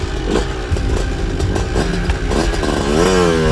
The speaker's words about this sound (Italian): Mentre Gino spinge la pesante porta della villa, inaspettatamente il motorino parte e va via da solo.